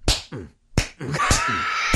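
Four loud, sharp palm claps made as an ASMR sound with the fingers kept out, spaced a little over half a second apart, the later ones accompanied by a low, sustained grunting vocal sound between the hits.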